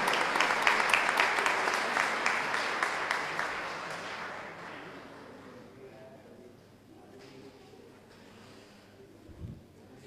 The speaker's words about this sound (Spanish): Le saludamos a los familiares con un fuerte aplauso y quienes dicen presente al Monseñor acompañándolo.